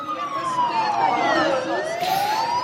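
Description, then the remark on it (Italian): An air raid warning siren in Ukraine wails loudly and continuously during the closing speeches of an equality march, its tone gliding slowly downward and then climbing again, with no voices over it. “La sirena dell'allarme aereo interrompe il momento dei discorsi finali.”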